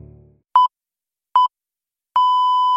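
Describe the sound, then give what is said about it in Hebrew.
Three electronic alert beeps, loud and close: two short tones spaced evenly, then a longer sustained one, with silence between them. “התראה.”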